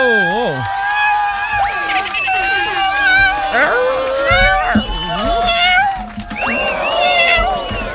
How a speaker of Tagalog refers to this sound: Pusa na gano'n. Gutom na yung pusa mo, be! Grabe naman yung ano, yung pusa niya na yan na medyo gusto nang ano, gusto nang magmura.